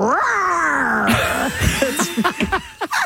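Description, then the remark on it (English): A person imitates a lion's roar as a quiz answer to an animal-noise clue, with a long, strained, falling cry, then a string of shorter, choppy growling bursts that rise and fall in pitch. It is loud, with no talking. “Answer making the animal noise for this one. This animal is known as the king of the jungle.”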